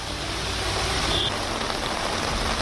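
A steady, dense hiss of monsoon rain falls over a road in Delhi NCR, India, with a low rumble of passing traffic underneath. It stays constant and fairly loud throughout, with no voices.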